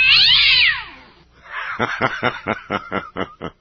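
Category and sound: animal, cat yowling in pain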